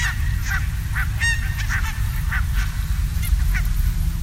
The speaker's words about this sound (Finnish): Tämä tuttu, hilpeä ja iloinen kaakatus kuuluu Itä-Helsingistä Puotilan uimarannalta.